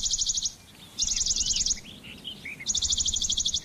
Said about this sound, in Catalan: Mosquiter pàl·lid, Piloscopus bonelli. Ocell estival que trobem d'abril a octubre als boscos.